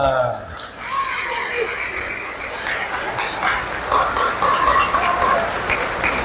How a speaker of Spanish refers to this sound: ¡Un aplauso